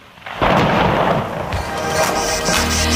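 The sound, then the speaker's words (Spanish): A loud thunderstorm in San Sebastián de los Reyes: a deep roll of thunder bursts in and rumbles on over the steady, dense hiss of a heavy rain downpour. No voices. “Eso es más o menos lo que ha pasado hace, pues nada, unos minutitos.”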